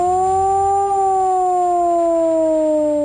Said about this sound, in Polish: Dźwięk dla ochrony ludności to 3-minutowy modulowany, czyli falujący sygnał syreny.